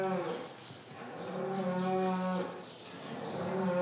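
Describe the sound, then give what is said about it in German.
A cow in a barn during calving season moos in long, low, droning calls, two or three drawn-out bellows with rich harmonics, fairly loud, with no one speaking. “Von Oktober bis Ende März ist Abkalbezeit. Da hat er die Kühe lieber im Stall.”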